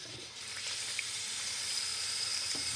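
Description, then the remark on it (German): Water is poured into a pan of cabbage that has been salted and sprinkled with caraway, a steady hissing splash that runs unbroken for a few seconds with no talking. “Und dann tun wir da Wasser drauf.”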